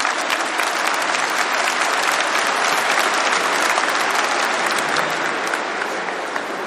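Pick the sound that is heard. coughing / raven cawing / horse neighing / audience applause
audience applause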